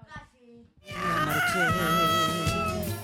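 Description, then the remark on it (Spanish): A hoarse cat meows in protest with a loud, drawn-out yowl that wavers up and down in pitch for about two seconds, after a brief softer murmur at the start. “Había un gato por ahí protestando, ¿eh?”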